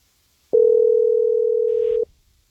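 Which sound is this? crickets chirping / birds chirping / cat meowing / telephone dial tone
telephone dial tone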